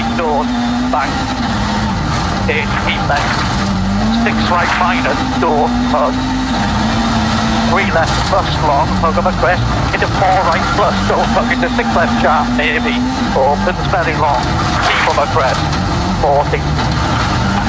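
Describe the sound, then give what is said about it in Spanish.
Elfyn Evans's rally car engine roars steadily from inside the cockpit during the fourth stage, its pitch rising and dipping with shifts and throttle changes, while a voice talks continuously over the mechanical drone. “Escuchamos, nos subimos arriba del auto de Elfyn Evans.”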